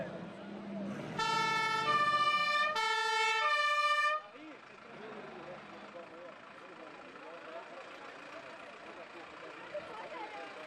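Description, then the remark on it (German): A fire engine's two-tone siren blares loudly in two short bursts, stepping between high and low pitches, then cuts off, leaving a steady murmur of parade crowd noise and voices. It is the local fire brigade's engine, the final vehicle of the parade. “Und zum Schluss haben wir natürlich das Schlussfahrzeug vom Umzug, unsere Feuerwehr.”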